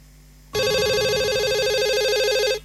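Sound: telephone ringing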